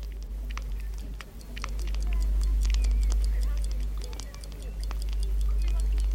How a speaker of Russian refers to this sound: Вот, часы пошли. Часы идут, ребята. И вновь ожили старые часы. Прислушайтесь, дорогие друзья, они рассказывают вам свою удивительную историю.